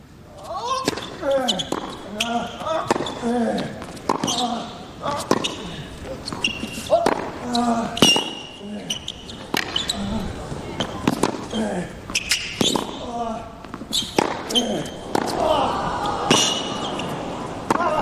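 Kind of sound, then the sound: impact, tennis rally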